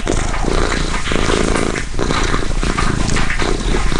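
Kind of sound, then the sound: animal, cat purring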